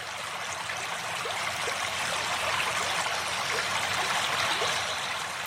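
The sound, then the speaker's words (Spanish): Steady flowing water of the Pisuerga River, winding through meanders where it crosses the Cerrato, babbles and trickles continuously, a broad wash with small gurgling splashes throughout and no voices. “Continuamos nuestro camino por los meandros del río Pisuerga, que en su sosegada madurez se recrea al cruzar por el cerrato.”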